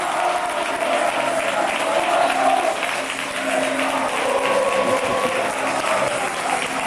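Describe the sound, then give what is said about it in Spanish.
A big football stadium crowd gives a sustained ovation to the Alcoyano players at the end of the season, fans with scarves in the air, a dense, steady wash of clapping and cheering that stays loud and even for the whole seven seconds, with no clear speech on top. “Ovación espectacular.”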